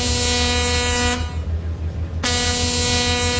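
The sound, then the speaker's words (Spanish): A big ship's horn sounds two long, deep, buzzing blasts separated by a brief pause as the ship passes, loud over a steady low rumble, with no one talking. “Nomás se escuchaba cuando pasaba así el barcote.”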